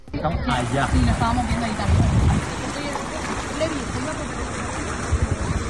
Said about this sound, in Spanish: La escena, te cuento, es en Jávea, de manera repentina, el nivel del agua baja considerablemente en el mar. Es un fenómeno conocido por la ciencia y que se llama meteo-tsunami. Se suele dar todos los veranos con más o menos intensidad.